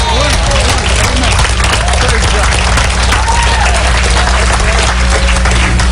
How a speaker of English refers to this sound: Give God a big clap offering right there. Praise God.